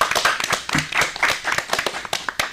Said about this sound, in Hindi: बहुत बढ़िया, जोरदार तालियां हो जाए।